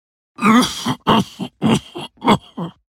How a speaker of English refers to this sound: If you've had a cough for 3 weeks or more, and it isn't COVID-19, don't just ignore it.